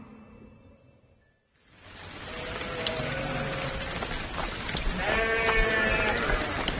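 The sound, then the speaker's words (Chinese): Sheep bleat repeatedly in wavering cries over a steady hiss of rain, several animals calling, with a louder burst of bleats near the end after a quiet start. “下雨了，我家羊喝饱了肚子，就不会跑去你家喝水了。”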